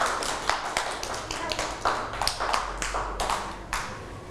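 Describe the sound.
A group of children clap their hands together in a steady, slightly uneven patter of many overlapping claps, moderately loud and nearby, lasting several seconds with faint voices underneath.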